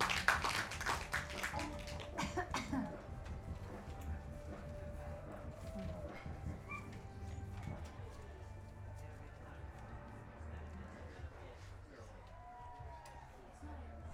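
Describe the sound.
An audience at a live music gig applauds a performer, with a dense burst of clapping at the start that thins and softens over the following seconds, while murmuring voices continue in the background.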